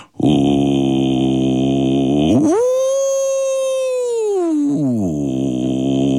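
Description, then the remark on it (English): A single voice in a studio demonstrates whale song for the audience with a loud, sustained moaning tone that swoops upward, holds a high wavering note for a couple of seconds, then slides back down low. “I'm going to need the 21 of you on cue to help me make the sound of whale song.”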